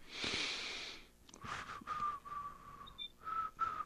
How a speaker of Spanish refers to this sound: Voy a silbar mientras tanto. ¿Saben que cuando dicen que la gente silba, están tramando algo? Yo estoy tramando algo, se lo aseguro.